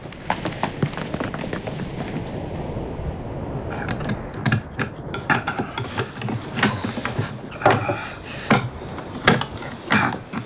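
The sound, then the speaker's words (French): A knife blade scrapes and pries at a rusty metal casket found in a shark's stomach, giving irregular bursts of harsh grinding and sharp clicking strokes, fairly loud, with no voices. “Pas facile! Tout cela est rouillé. Inutile, vous allez briser votre lame.”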